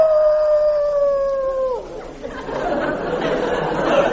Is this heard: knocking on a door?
no